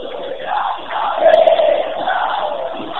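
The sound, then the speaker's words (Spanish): A stadium crowd of football fans cheers in the last minute of a match involving Tigre, a loud, continuous roar, a dense wash of many voices that swells slightly midway and holds steady throughout. “Aguante, escuche esto, escuche el otro lado.”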